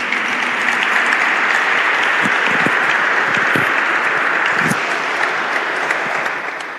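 Sustained audience applause at a congress for the Archbishop, a dense, steady wash of many hands clapping at an even loudness for several seconds, tapering slightly at the end, with no talking over it.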